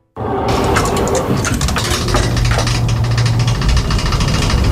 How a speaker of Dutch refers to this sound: zijn dat aanknieën die zo kroken en piepen? Maar nee, want ik kom juist van mijn kinesist. Ik denk dat dat de lift is die zo'n raar lawaai maakt.